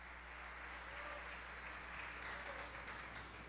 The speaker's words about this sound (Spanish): Dale un aplauso de alabanza a nuestro Señor Jesucristo. Aleluya.